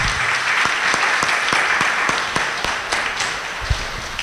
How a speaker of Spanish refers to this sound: Contentos, démonos un aplauso por esta fiesta del Padre Marianito.